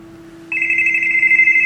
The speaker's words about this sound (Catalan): Un telèfon aquí sona.